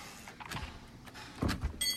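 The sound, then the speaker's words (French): The door of an engraver and screen printer's workshop in Montauban being opened: a short clunk of the latch, then a louder rattling scrape as it swings, with a faint high whine at the very end and no talking. “graveur et sérigraphe montalbanais, nous a ouvert la porte de son atelier.”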